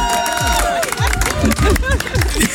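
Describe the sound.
A group of about 20 to 30 people at an outdoor barbecue at the Kaiserstuhl in the evening sun claps and cheers for the grill master. A dense, steady wash of hand claps is mixed with loud overlapping voices and whoops throughout.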